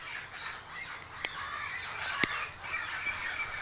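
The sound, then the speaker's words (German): A small bird chirps and squeaks continuously while having its beak trimmed, its busy high-pitched calls broken by two sharp clicks. No one speaks. “Wir versuchen aber immer, ja, so lange wie möglich zu warten, weil die sind doch ein bisschen ja, stressempfindlich, diese Vögelchen.”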